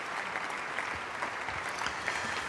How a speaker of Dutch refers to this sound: En dit bravo geroep en applaus, dat ging nog minutenlang door in de Plegelmus Basiliek in Oldenzaal. Op het Stift Festival.